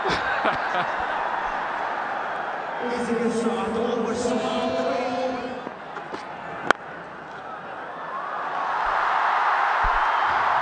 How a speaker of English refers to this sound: Yes, he's off the mark. And the crowd cheers, two without loss.